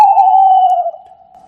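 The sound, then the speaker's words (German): An owl perched on the lowest branch of an old, tall tree in icy cold gives one long, steady cry, a clear mid-pitched tone that sags slightly and softens after about a second, trailing off quietly with no voices around it. “Sie schrie in seinem Rücken laut zum Abschied.”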